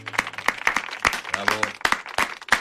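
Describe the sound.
Brief, uneven applause welcoming two guests on the show Vida y Obra: about a dozen sharp, bright claps at an irregular pace, with voices talking and laughing underneath.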